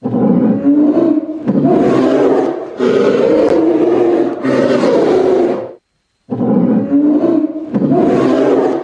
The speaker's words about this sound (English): Tiger.